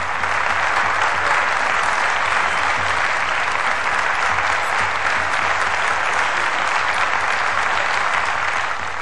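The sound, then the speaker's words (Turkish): A large crowd, the people of Soğanlı, claps loudly and steadily to greet the wrestler Adalı Halil Pehlivan, a dense wash of applause that holds at full strength from start to finish without pause. “Soğanlı halkı onu pek güzel tanıdığından hemen şiddetli bir alkışla karşıladı.”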